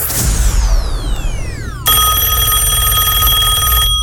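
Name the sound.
telephone ringing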